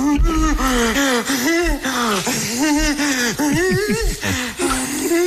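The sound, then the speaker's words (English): Loud labored breathing recorded in high school during an allergic reaction after eating a nut: a rapid series of strained, wheezing gasps with a raspy, whistling pitch that wavers up and down on each breath, continuing without pause. “I've had some issues breathing before.”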